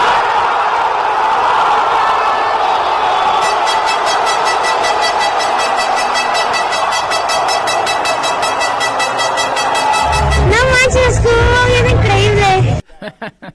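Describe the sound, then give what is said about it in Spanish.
A packed crowd of Mexico fans watching the match on a giant screen roars steadily, with sustained horn-like tones woven through the din. Near the end the noise surges into a louder, rising scream of goal celebration as Julián Quiñones scores for Mexico against South Africa, then cuts off abruptly. “Empezó el partido, no cabía ni un alfiler, y de pronto el grito de gol cuando Julián Quiñones anotó a los sudafricanos.”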